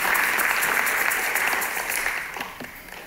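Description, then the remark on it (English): An audience applauds to celebrate the gift of salvation, after a man gave his life to Jesus. The applause is a dense crackle of many hands clapping that starts full and loud, then slowly thins and fades toward the end. “Come on, let's clap the gift of salvation in the room.”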